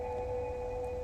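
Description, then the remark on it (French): A Scandinavian woman's sung herding call to her livestock (cows, sheep, reindeer) in wide open spaces: one high, piercing note held steady and unbroken over a low background rumble. “Ce que tu entends, c'est une façon qu'ont les femmes scandinaves, depuis des temps immémoriaux, d'appeler leurs troupeaux dans les grands espaces, leurs vaches, leurs brebis, leurs rennes.”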